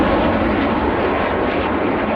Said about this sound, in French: Ce bruit des CT-114 Tutor, les Canadiens ne l'entendront plus après la saison 2026. Les appareils des années 60 partent en retraite forcée